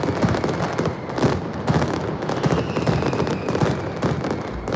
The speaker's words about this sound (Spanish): Bueno, pues hoy se ha disparado precisamente la penúltima mascleta del tradicional concurso de mascletas de Alicante.